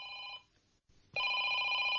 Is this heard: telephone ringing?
yes